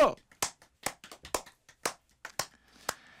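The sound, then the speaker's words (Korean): Several sharp hand claps in an uneven rhythm, distinct, with short gaps between them and a faint voice or tone lingering near the end. “박수!”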